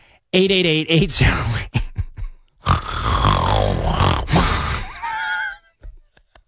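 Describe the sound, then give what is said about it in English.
Loud human snoring: a short voiced snort followed by two long, rattling, rasping breaths with a brief pause between them, heard alone without any talking. “We're laughing, but I mean, again, I don't know how you could be married to somebody that snores like that.”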